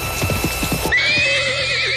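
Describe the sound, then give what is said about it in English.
A horse's hooves clip-clop in a quick, uneven rhythm for about a second, then a loud, shrill neigh rises and wavers to the end. No one speaks. “If you love your horse, you'll buy a Ford”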